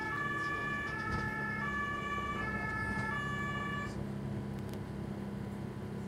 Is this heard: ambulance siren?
yes